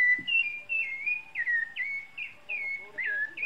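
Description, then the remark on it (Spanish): An orange-breasted bird whistles a repeated series of clear, slurred notes around two to three kilohertz, about seven phrases in quick rhythm, moderately loud with no talking. “Ah, el pájaro fisura que hablábamos la semana pasada.”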